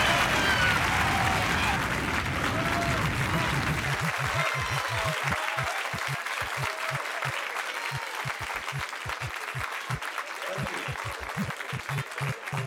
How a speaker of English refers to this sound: and give him a big San Francisco round of applause. Mr. Richard Pryor, come on, give it up.